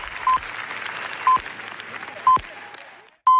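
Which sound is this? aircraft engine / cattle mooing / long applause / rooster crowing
long applause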